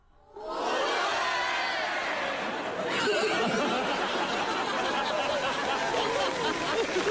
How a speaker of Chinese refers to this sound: 你听听观众反馈， 你听听开场以来最爆发的掌声。